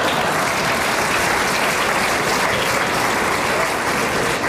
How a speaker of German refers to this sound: Doch dem Publikum war das egal. So etwas von donnerndem Applaus gab es in Toggenburg zum ersten Mal.